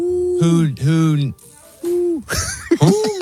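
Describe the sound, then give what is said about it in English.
A person imitates an owl, giving a series of breathy, rising-and-falling hoots, about four in a row, fairly loud, with a short pause between some calls. “Yeah, it's gotta be hoot hoot.”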